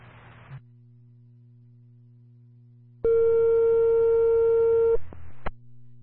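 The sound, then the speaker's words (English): A fire dispatch radio cancel tone in Lakeville, cancelling a fire response to an alarm on Twin Lakes Road: one loud, steady electronic beep lasting about two seconds over a low electrical hum, followed by a short crackle of radio static. “Fire with your cancel tone only.”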